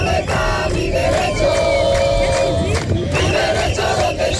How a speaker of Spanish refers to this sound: Gritos de los manifestantes que entre numerosas banderas de España, Ceuta y Europa han marchado 2 kilómetros hasta llegar hasta la frontera del Tarajal, donde se han concentrado durante varios minutos, custodiados por la policía.